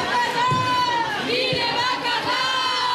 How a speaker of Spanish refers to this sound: Han decidido unirse en la Plaza Shao de Bayona para hacer una manifestación sin entrar en la trampa de los alumnos que se portan bien y los que no. La Internacional, gritos contra el fascismo y por la lucha.